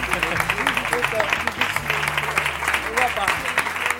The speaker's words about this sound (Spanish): ¡Un aplauso